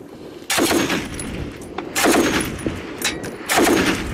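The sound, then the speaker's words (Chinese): Intense, dense gunfire from a clash between Yemeni government forces and Houthi forces in Taiz province, Yemen: three loud bursts of rapid automatic fire arrive roughly every second and a half, each crackling for about a second over a steady rumbling background, with no talking. “根据胡塞武装八号发布的视频，现场交火十分激烈，可以听到密集枪声。”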